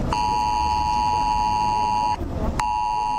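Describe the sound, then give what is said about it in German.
A loud, piercing electronic alert tone blares steadily for about two seconds, cuts off briefly, then starts again. It is an emergency warning on mobile phones on Germany's official warning day, sounding at 11 o'clock on millions of phones at once. “Um 11 werden heute wieder Millionen Handys gleichzeitig Alarm schlagen.”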